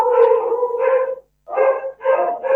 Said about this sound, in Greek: Καλώς τα λοιπόν τα σκυλιά για τα οποία μιλάγαμε πρώτη φορά. Ναι, είναι 20 ώρα που τα ταΐζουμε.